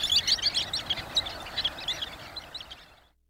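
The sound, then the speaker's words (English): A dense chorus of high, thin sandpiper calls from a large flock, overlapping chirps and peeps chattering continuously at moderate loudness before fading out at the end. “April brings many thousands of sandpipers to Delaware Bay on the Atlantic coast”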